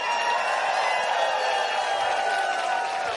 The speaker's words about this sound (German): Es ist toll, dass Sie da sind. Applaus!